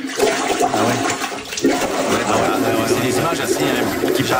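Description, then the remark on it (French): Toilet water surging back up through the bowl as backflow during heavy rain in Mile End, filmed by residents, a loud, steady rush of gurgling, churning water lasting several seconds, with faint murmuring voices underneath. “Grosse pluie, là, ça déborde. Les gens filment leur bol. Écoutez bien le son, c'est impressionnant. C'est le retour d'eau.”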